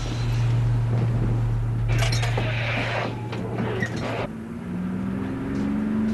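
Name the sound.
bus arriving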